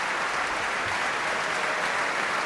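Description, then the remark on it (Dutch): Loud, sustained applause from a large crowd, a dense steady wash of clapping with no breaks, as an audience seated around the stage gives a standing ovation at Tivoli-Vredenburg to five percussionists bowing after playing with Phil Zuid. “En deze 5 prachtige slagwerkers buigen nu voor deze staande ovatie hier in Tivoli-Vredenburg.”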